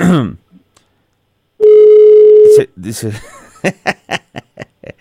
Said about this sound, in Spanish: Ahí está, sonando el teléfono con don Fernando.